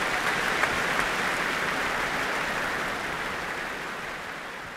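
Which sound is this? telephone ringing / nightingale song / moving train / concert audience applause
concert audience applause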